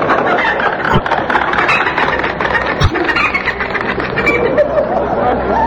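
A chicken clucks and squawks steadily through a dense, noisy wash of sound, with a couple of dull low thumps partway through.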